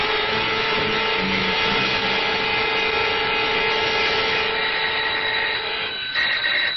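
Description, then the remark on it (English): A doorbell rings with a loud, continuous buzzing rattle, held steadily for about six seconds before cutting off abruptly. Nobody speaks. “That's him. The ring of authority.”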